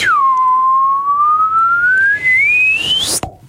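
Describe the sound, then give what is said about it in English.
A voice imitates a slide whistle: one clear, steady whistled tone glides slowly upward for about three seconds, then cuts off into a brief, sharp burst of noise. “Can you do the slide whistle up, please?”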